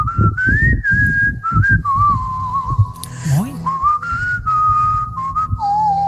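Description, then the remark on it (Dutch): A man whistles a flowing song melody, sustained notes gliding up and down, with faint background noise and a brief voiced sound partway through. “Heeft hij nog een berichtje gestuurd en toen ging hij zelfs fluiten.”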